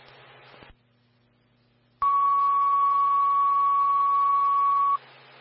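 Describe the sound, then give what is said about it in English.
A fire dispatch radio channel crackles with static, goes quiet, then a single loud, steady alert tone blares for about three seconds over hiss before cutting back to static, as firefighters are dispatched to a carbon monoxide alarm. “Fire, stand by for sound, going to carbon monoxide alarm.”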